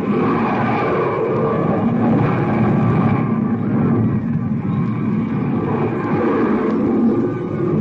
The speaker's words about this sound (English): The ship from Mars and its escorts will be seen any moment from the east. You heard that. Any moment, the ship from Mars and... What? There they are. They're coming in. The landing rocket ship first.